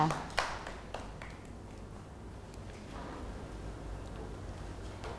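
Children clap their hands for a classmate, a few sharp claps at the start giving way to scattered, softer clapping under a steady hum, fairly faint.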